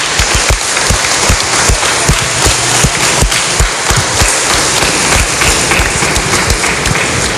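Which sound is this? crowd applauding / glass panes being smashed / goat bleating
crowd applauding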